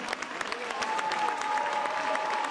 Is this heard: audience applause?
yes